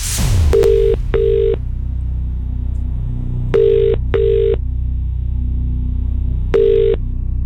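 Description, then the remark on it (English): A brief click as a call connects, then a telephone ringing tone sounds in three double bursts about three seconds apart, clear and steady over a low background hum, with no one speaking. It is presenter Kate Thornton's Make Me a Winner radio prize call to a number selected at random from entrants across participating radio stations. “I'm about to make today's huge Make Me a Winner call.”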